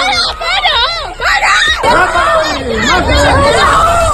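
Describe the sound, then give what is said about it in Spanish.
Several voices shout and yell over one another in a loud, chaotic crowd commotion during a street beating of a young man, with overlapping cries of 'stop' and 'kill him there' and agitated chatter filling the whole stretch. “Y todo mientras entrelazan gritos, ya lo has escuchado, de para o mátalo ahí.”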